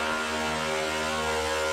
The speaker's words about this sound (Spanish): Eso que es una motosierra, ¿ves? A ver, escucha.